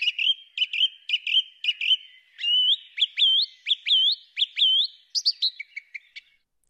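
A song thrush sings loudly: a bright whistled phrase repeated several times, then a new rising phrase repeated, ending in a burst of quick chirpy notes, with no voices.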